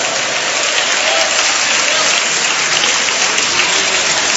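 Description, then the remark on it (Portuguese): A crowd applauds Jesus in praise of God, a dense, continuous wash of clapping that stays loud and even throughout, with no talking over it. “aplaude a Jesus e dá glória a Deus.”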